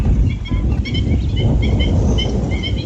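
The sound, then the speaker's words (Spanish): Many birds call at once across the Rianzuela lagoon, short bright chirps and cries repeating in a busy, overlapping chorus over a steady low rumble of wind or water. “Para el visitante que llega con unos prismáticos o un telescopio, el verdadero protagonista es otro, el movimiento constante de las aves.”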